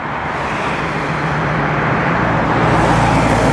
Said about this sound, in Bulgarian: ние се намираме на входа на София. Виждате и към момента трафикът е интензивен, такъв беше през целия ден, но равно разпределен по трите автомагистрали в страната, казаха от пътната полиция.